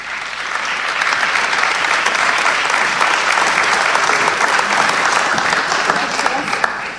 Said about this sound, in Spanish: Un aplauso.